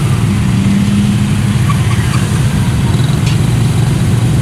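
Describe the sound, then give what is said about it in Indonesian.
A steady, loud engine rumble of a motorcycle amid dense morning street traffic in the Mijen area of Semarang, Indonesia, on the road heading toward Buja, with a constant low drone and faint higher-pitched noises in the background. “Cuman satu motor ini, mobil aja susah lewat.”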